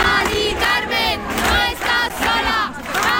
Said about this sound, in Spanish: arropada también por los gritos de cientos de ciudadanos en la calle.